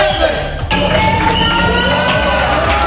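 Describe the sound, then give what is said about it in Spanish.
A large crowd of thousands chants and shouts together outdoors at a peaceful protest in town squares, a dense, loud wall of many voices rising in rhythmic bursts, continuous throughout the few seconds, shouting about Ceuta. “Miles de personas llenaron ayer plazas de los pueblos y ciudades de forma pacífica y transversal al grito unánime de Ceuta no se vende.”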